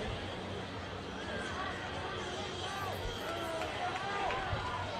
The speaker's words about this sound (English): We'll keep it right here from Howard Wood Field. What a barn burner of a game, ladies and gentlemen. This has turned into an exciting one and fast. And the O'Gorman side of the stands now cheering with delight for their squad.